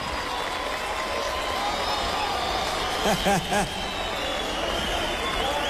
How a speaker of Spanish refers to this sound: Un fuerte aplauso para la Sinfónica.